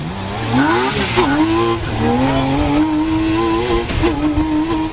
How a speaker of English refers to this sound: a 6-cylinder BMW motorcycle engine, it comes in blinding red, orange, and yellow, and it sits so close to the ground you can stretch out your hand and pat the asphalt for good luck. And you'll need it as the open-sided car hurtles down the road.